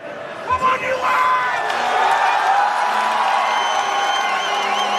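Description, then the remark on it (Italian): A large outdoor crowd of US fans in a fan zone outside the Chase Center in San Francisco chants "USA" and cheers together while following a match, a loud, continuous wall of voices with whoops rising above it, steady in volume throughout. “L'inno nazionale, cori USA, USA, cappellini a stelle e strisce.”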